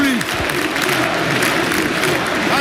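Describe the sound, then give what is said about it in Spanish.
Sustained applause from a large stadium crowd as Hansi Flick lifts a small commemorative cup, dense and steady, with cheering mixed in and a brief voice audible near the start. “Una copa pequeña conmemorativa la levanta Flick y el público va a escuchar cómo rompen aplausos.”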